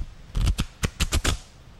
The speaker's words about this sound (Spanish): Bueno, para los televidentes, mire los boletitos. Para el radio escucha, escuche los boletos, mire, escuche nada más.